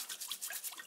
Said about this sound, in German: Der Trüffelsammler muss seine Ausbeute jetzt noch gründlich reinigen. Ich wasche sie unter fließendem Wasser ab. Mit der Bürste.